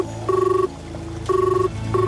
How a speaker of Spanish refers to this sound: Finalmente aparece el tono de llamado.